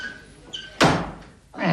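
Someone pounds on a door: two loud, heavy thuds spaced nearly a second apart, booming, with a faint creak just before the first blow.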